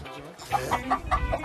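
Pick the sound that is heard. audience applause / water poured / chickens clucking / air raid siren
chickens clucking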